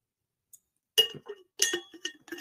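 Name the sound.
glass clinking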